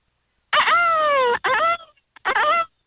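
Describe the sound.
A person imitates a peacock over the phone with a long, loud, strained wail followed by two shorter cries after a brief gap, the pitch bending up and down.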